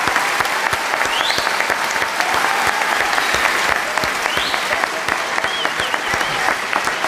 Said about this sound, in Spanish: Un aplauso para Rafael.